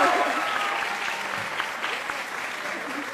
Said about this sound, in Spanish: ¡Un fuerte aplauso!